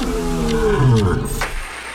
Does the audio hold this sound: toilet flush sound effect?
no